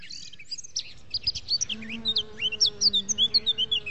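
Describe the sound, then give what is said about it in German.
Birds chirp and tweet in a rapid, busy chorus of short high calls, over a low steady buzzing hum like bees, with no voices. “Die Vögel zwitschern, die Bienen summen und wir funken dazwischen.”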